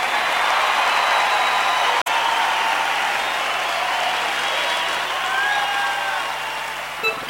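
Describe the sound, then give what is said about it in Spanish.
An audience claps during a Radio Primero de Mayo broadcast, a dense, steady wash of applause that stays loud for about seven seconds, with a momentary dropout early on and a slight easing near the end. “Un aplausazo ahí, che.”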